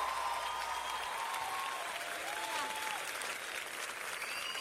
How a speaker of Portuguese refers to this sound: As palmas mais fortes para Jesus.